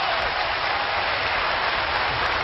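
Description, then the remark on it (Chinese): A large audience claps warmly and steadily in tribute to Ma Sanli, a dense, continuous wash of applause that holds its strength throughout with no voices on top. “这是我们的父老乡亲们呢， 啊啊， 用热烈的掌声来抒发他们对我父亲马三立的深切的感情，知道吗？”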